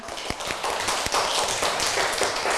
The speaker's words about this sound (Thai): ปรบมือให้เพื่อนค่ะgive a big hand to your friend ปรบมือดังๆค่ะ